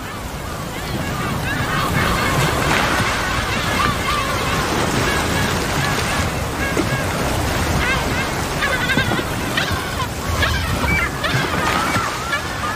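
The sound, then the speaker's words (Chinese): Whale feeding calls from a bubble-net hunt, used by the whales to organize companions to drive prey to the surface: loud, wavering, bleat-like tonal cries repeating in overlapping bursts over a steady rushing wash of water, with no talking. “我们听到了捕食的号令，而且在第一次号令和第二次号令之间有别的声音。”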